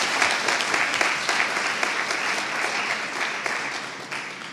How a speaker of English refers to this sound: So let's give them one more round of applause for the hard work before we get started.